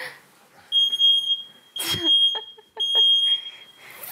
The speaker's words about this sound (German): Ja, Feuermelder. Wenn man oft die Fenster aufmacht nach der Tierzeit, dann kann man sehen, dass der mal angeht. Passiert manchmal mit dem ganzen Stab, der wo dann durch die Bude kommt.